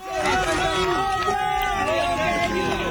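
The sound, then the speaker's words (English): A crowd of onlookers in Venezuela cheers and shouts together as emergency workers carry a 21-year-old man out on a gurney after he was trapped in rubble for more than 100 hours. A dense, steady wall of overlapping voices stays loud for the whole moment. “Onlookers cheer as emergency workers carry the 21-year-old man out on a gurney.”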